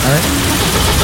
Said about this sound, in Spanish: Hagamos partir el auto, mejor. Vamos a partir el auto. A ver si podemos hacerlo partir.